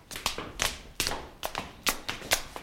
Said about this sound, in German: Wir steigen jetzt die Treppe hinauf in den Rittersaal.